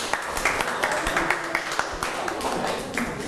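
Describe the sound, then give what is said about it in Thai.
A Thai class claps for a student who has just presented on saving money, a steady, dense patter of many hands for a few seconds, with overlapping murmured voices in the background. “ปรบมือนะครับ”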